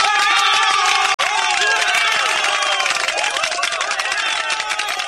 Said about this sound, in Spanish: Fuerte aplauso para ellos, por favor. ¡Aplauso! ¡Y ahí! ¡Vamos!